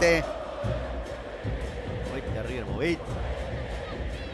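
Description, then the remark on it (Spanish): A large crowd of River football fans chants and shouts their classic chants together, a dense, continuous roar of many voices with rising and falling sung tones swelling through the middle. “Ya arrancamos con lo que es la hinchada de River, que ya está los clásicos gritos.”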